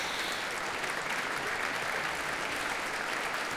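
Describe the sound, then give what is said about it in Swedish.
Sustained applause from a large audience at Berwaldhallen, a dense, steady crackle of many hands clapping at an even loudness throughout, with no voices standing out, as Barbara Hannigan comes out on stage again after a performance with George Benjamin and the Swedish Radio Symphony Orchestra. “Och hon får komma ut på scenen en gång till och ta emot publikens applåder.”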